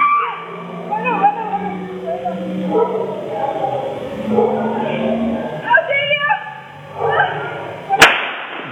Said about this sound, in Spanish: Segundo balazo. Mira que ni a un animal no se le mata así, ¿eh? Ni a un animal. Y ahí el tercero. El remate.